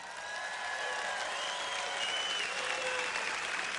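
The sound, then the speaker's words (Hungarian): An audience claps steadily for a few seconds, a soft, even patter of many hands with no standout cheers, sounding subdued rather than enthusiastic. “Nos, elég gyengén tapsoltok, de nem tágítok.”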